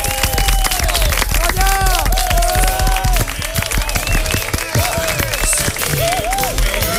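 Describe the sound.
An audience applauds a cast member of a stage play loudly and steadily throughout, a dense wash of clapping with voices calling out and brief cheers rising over it.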